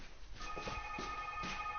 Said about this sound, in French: Alors là, Dieu, il y a le téléphone qui sonne encore.